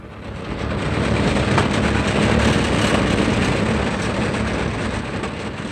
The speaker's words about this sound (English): The dilapidated truck sputtered along Highway 60 between Beaumont and Banning.